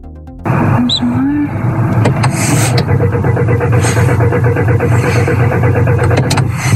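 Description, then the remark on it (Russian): A car engine turns over and catches on the second attempt, then runs at a steady, loud idle. A brief electronic chime sounds just before it starts. “Сбрасываю просто на старт. И теперь со второй попытки заводю. Со второй завелась.”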